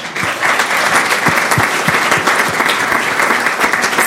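Steady applause from a church audience welcoming back a returning member, dense overlapping claps at an even loudness filling the whole stretch without letting up, no voices over it.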